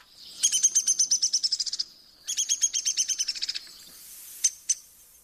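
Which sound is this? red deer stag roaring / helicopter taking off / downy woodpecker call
downy woodpecker call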